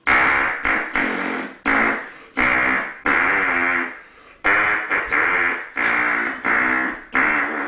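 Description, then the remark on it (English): A rendition of the Star Spangled Banner, the US national anthem, played with hand farts: a loud series of about a dozen buzzy, squelching tones, some held and some clipped short, following a slow melodic rhythm with no talking. “It's the hand farting man.”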